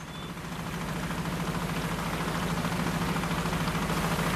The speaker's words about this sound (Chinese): 伴随着渔船此起彼伏的马达声，他们竞相收获着大自然的馈赠。